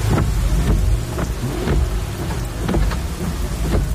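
Steady heavy rain hisses and patters throughout, with deep rumbling thunder rolling underneath and several sharp crackling bursts standing out. No one speaks.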